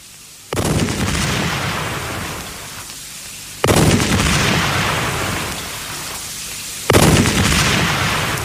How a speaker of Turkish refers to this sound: Gökte top sesleri bir bir nerelerden geliyor? Mutlaka her biri bir başka zaferden geliyor.